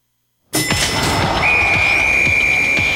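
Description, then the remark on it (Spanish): A referee's final whistle sounds one long, steady, shrill blast that starts partway through and holds to the end, over a loud, busy roar of stadium crowd noise. “El silbatazo final no es el final de la conversación.”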